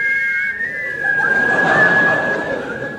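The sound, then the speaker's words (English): The theme music of The Yeti is whistled on a clear, steady pitch with only slight wavering, heard over a constant rushing background noise throughout. “They have agreed in conjunction with the NUR to play the theme music of... The Yeti! Boy, it's a catchy tune, is that, you know?”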